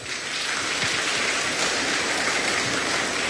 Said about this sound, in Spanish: Ok, con fuertes aplausos, que cachalar.